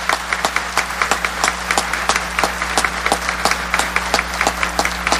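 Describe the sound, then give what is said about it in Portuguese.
An audience applauds Frei Gilson for his evangelizing work, at Canção Nova, with sharp, steady claps that settle into a fairly regular rhythm for several seconds, moderately loud over a low background hum, with no one speaking. “Queria que vocês aplaudissem o Frei pelo trabalho evangelizador.”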